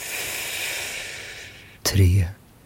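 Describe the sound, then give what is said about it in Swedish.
A long, steady breath drawn in through the mouth for about a second and a half, airy, followed by a short, low vocal huff. “Andas in.”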